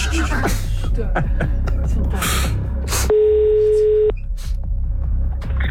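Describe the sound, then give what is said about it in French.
An outgoing phone call to someone in France rings once, cut off after about half a ring, a steady electronic ring tone lasting about a second, loud, with a busy, noisy background of voices and clatter before and after it. “Donc, allez, on y va, on, c'est on laisse une demi-sonnerie au premier appel du coup.”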